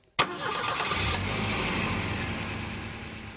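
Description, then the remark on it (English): A 1950 Studebaker car engine cranks and catches with a sudden burst at the start, then settles into a steady, rumbling idle with a low throbbing hum, no voices present. “Let's see if this thing will start.”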